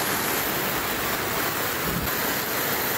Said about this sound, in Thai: จู่ๆเมื่อคืนที่ผ่านมา 2-3 ทุ่มประกาศแจ้งเตือนภัยแล้วน้ำป่าไหลหลากเข้าท่วมบ้านเลยครับ แรงมากเลยครับน้ำออกห้วยมาแล้วครึ่งกำแพงบ้านเลยครับ